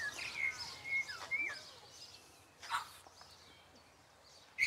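Two Reeves's pheasant hens call in an aviary with thin, high chirps and short whistled notes, scattered unevenly, with a louder squawky burst midway and another at the end over a quiet background.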